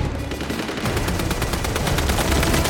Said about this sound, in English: She ducks as gunfire rains down on the roof. It kills a nearby rebel fighter. As Katniss and Gale watch the distant hovercrafts, another sweeps overhead, firing down on them.